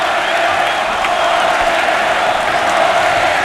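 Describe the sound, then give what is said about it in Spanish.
A bullring crowd cheers and roars with shouts of "torero" after the bull collapses, in a dense, steady wall of sound, loud and unbroken for the whole stretch, with no single voice standing out. “Esto es un clamor, es una olla a presión.”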